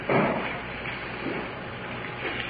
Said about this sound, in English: Headed to the cell block for the prisoner. Jailer's opening the door for us.